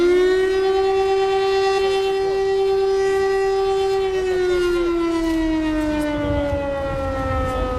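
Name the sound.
air raid siren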